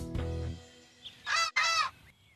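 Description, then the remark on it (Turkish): Two loud, harsh honking bird calls in quick succession, after a low rumbling start and a short chirp; no talking. “Allah'ım, iki inatçı kuşun arasında kaldım.”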